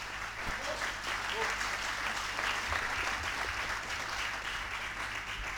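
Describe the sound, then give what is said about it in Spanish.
Sustained audience applause for the Cinefulcro orchestra at a university concert on a rainy day fills the whole stretch, a dense steady patter of many hands clapping at an even loudness, with no pauses. “En instrumentación y orquestación 3, los estudiantes tienen que componer obras para esta orquesta, que es la Cinefulcro, para quien pide un aplauso.”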